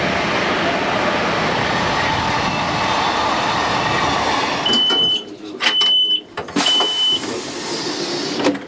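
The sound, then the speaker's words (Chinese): A train rolls into Golmud railway station on the Qinghai-Tibet Railway with a steady, heavy rumble that turns choppy and uneven, with short high squeals breaking through near the end as it slows. “4:24的时候呢，我们来到了整个青藏铁路线上非常重要的一个火车站点，就是格尔木火车站。”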